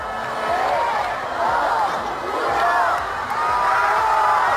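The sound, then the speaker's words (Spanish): A large crowd in the Plaza Mayor of Leganés, south of Madrid, cheers and shouts continuously celebrating the Spanish men's team winning the World Cup, a dense roar of many voices with rising whoops and calls, loud and sustained throughout. “Esto, por ejemplo, fue sonido en Fuenlabrada, pero este otro también en Leganés. En la Plaza Mayor”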